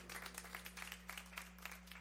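An audience applauds, a dense, steady patter of many hands clapping unevenly for about two seconds, fairly soft overall, with a constant low electrical hum underneath and no voices.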